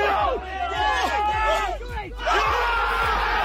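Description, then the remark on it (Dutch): A crowd cheers and yells together after a golf hole in one in a par 3 challenge, many loud overlapping voices whooping and shouting in excited bursts, with a steady low rumble underneath and a fresh surge of shouting near the end. “Ik ga nog even door met juichen.”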